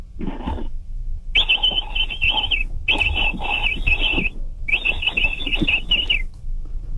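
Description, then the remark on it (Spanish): A person imitates a capybara call: one short chirp, then three longer, high-pitched, buzzy squealing bursts in an even rhythm, loud and with no talking. “¿Vas a tratar de imitar al capibara?”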